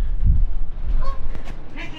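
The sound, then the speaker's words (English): A goose gives a short honk or two outdoors by the River Avon, heard through an open balcony window, faint against a steady low rumble of outside background noise. “That was a stage door making an announcement, and a little goosey-goosey just made a sort of quacky-quacky goose noise.”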